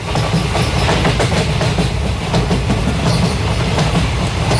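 A train rumbles steadily along railway tracks, wheels clattering in a continuous rhythmic clickety-clack, loud throughout with no voices.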